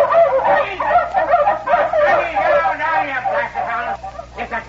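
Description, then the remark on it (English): Several dogs bark and yelp in a frantic, overlapping chorus, loud, with barely a pause across the few seconds; the dogs broke out barking on hearing a woman's voice. “The dogs busted out when they heard a woman's voice.”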